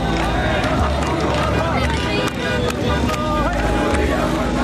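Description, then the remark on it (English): A dense, loud crowd surges through a street in downtown Damascus, Syria, after the fall of President Bashar al-Assad's regime, many voices shouting and clamouring at once in a continuous roar, with sharp bursts of cries rising above the steady din. “struggle to stay on my feet as the crowd surges in downtown Damascus.”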